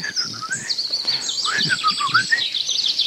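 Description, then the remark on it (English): Several songbirds sing at once in a forest glade, a blackbird's fluting warble mixed with chaffinch trills and chirps and a lesser spotted warbler, an unbroken, lively, spring-like chorus with no talking. “Blackbird there, Mr. Chaffinch, and Mr. Lesser Spotted Warbler over there on the right.”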